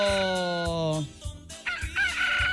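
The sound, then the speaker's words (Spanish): A rooster crows loudly, one long drawn-out call that rises and then trails off, followed by a few shorter, rougher squawks. “¡Ay, el gallo este ya corta la aba, amigo!”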